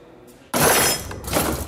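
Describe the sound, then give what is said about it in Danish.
A top kitchen drawer slides shut with a sudden loud clatter, its contents rattling and jangling briefly, followed by a second softer rattle. No voices are heard. “Hvorfor lukker han i den øverste skuffe?”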